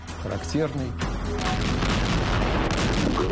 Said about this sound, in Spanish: El ruido de disparos de artillería anunció al pueblo soviético la liberación de la antigua ciudad de Kiev.